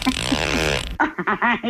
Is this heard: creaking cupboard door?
yes